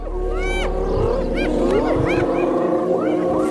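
Spotted hyenas call to summon other members of their clan in a chorus of rising, whooping cries that overlap one another and grow louder, over a steady low rumble in the background.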